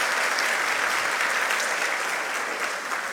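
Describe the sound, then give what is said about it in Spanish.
Sustained applause from an audience congratulating the representative of the Premio Versión Docentes 2026, a dense, steady clatter of many hands clapping at an even loudness throughout, with no voices rising above it. “Fuertes los aplausos para ella.”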